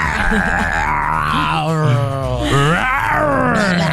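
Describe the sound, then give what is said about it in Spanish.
A person growls out an imitation of an animal roar, one long, loud, close-up vocal rumble that wavers and swoops up and down in pitch for about four seconds. “Bueno, te toca a ti tu rugido.”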